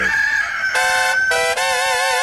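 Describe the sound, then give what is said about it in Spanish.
A rooster crows loudly, one long, bright cock-a-doodle-doo broken into a few strained, rising segments, played as a sound effect on the radio station 100.1 FM, with nothing else audible around it. “Apachurrale mi gallo.”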